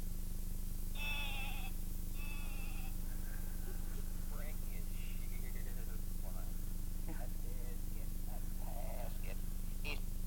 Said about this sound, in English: So that's a little sheep. So we'll just put the sheep down right here.